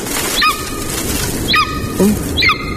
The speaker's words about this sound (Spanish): Parece una rapaz, ¿no? Es una rapaz. ¿Cómo allá? Es una pescadora. Señora. Es una águila. Águila real. Es una águila real.